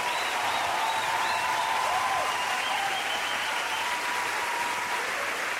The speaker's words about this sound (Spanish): Ese aplauso